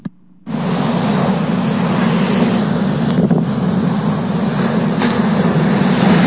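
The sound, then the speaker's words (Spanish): A loud, steady roar of unusually strong surf pounding the shore at Boca del Río, rumbling and unbroken, with wind buffeting the microphone and no voices. “Vecinos de la comunidad de Boca del Río indicaron que esto es histórico, ya que no había pasado un fenómeno similar que generara un oleaje tan fuerte que derribara todo a su paso.”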